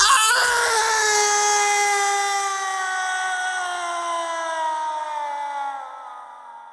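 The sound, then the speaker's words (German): A long, piercing human scream rises suddenly and holds for several seconds, its harsh, strained pitch sliding slowly downward before fading out. No other voices accompany it. “Ein unerträglich wirkender menschlicher Schrei durchdringt die Stille.”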